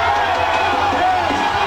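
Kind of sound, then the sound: crowd, football fans cheering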